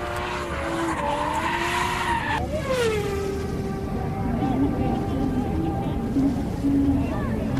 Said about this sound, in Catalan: Aquesta ha fet una derrapada a la corba.